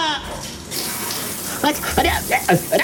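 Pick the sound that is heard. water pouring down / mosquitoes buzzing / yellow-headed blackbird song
water pouring down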